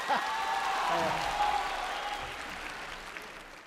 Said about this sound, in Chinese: 那怎么分输赢呢？ 观众的掌声就是分数。